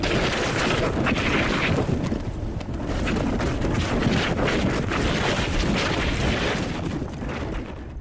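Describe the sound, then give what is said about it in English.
An ice boat that once belonged to Franklin Delano Roosevelt speeds along on the ice, with steady, heavy wind buffeting the microphone, a continuous low rumble and roar with no voices. “I'm told that ice sailing is the fastest wind-propelled sport on Earth.”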